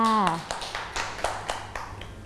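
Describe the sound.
Children clap in a loose, uneven rhythm, about half a dozen sharp, moderately loud claps following a brief voice at the start.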